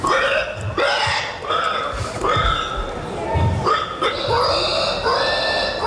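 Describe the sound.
Contestants at the 43rd pig-grunt imitation championship, an international contest attended by 4,000 people, imitate pig grunts and squeals in a rapid series of loud, nasal, strained bursts, one after another with little pause.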